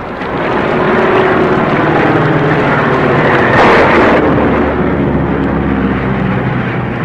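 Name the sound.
small airplane flying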